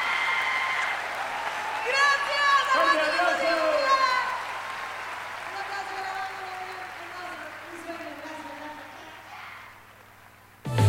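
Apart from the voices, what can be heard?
audience applause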